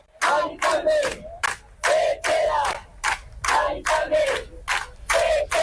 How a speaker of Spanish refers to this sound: Son algunos de los gritos, salían de las gargantas anoche, de los centenares de vecinos que han pasado toda la madrugada acampados frente a la casa